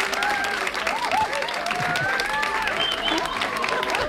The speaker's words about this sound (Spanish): Pero hombre, que se note que están aquí, que son, yo qué sé, serán 40 y tantos, y que den un aplauso, ¿no?